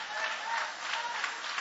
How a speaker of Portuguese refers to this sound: Pode tomar o vosso assento, guarda a Bíblia com carinho e podem aplaudir a Deus também com alegria.